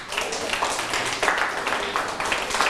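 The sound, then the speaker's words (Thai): A class of students breaks into applause for everyone, after the teacher praises them during a lesson on abbreviations, a steady, dense patter of many hands clapping at once that carries evenly for a few seconds with no voices over it. “ปรบมือให้ทุกคนเลยเก่งมาก”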